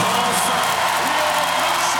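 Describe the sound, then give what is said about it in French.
A large crowd applauds and cheers at a medal ceremony as Léon Marchand climbs to the top step of the podium to receive his medal from Sports Minister Marina Ferrari: a dense, steady roar of clapping for the whole two seconds, loud and unbroken, with no clear voices standing out. “Pas besoin de parler, on l'entend à l'applaudimètre.”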